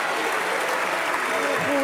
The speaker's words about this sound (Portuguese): Ruído e palmas do PSD, palmas da IEL, palmas do CDS.